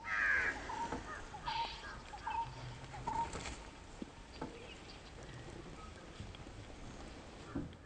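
Crows, eating what is left of a kill after the vultures have fed, caw in harsh, raspy bursts at irregular intervals, loudest at the start and fading into quieter calls, with soft pattering and rustling underneath and no voices.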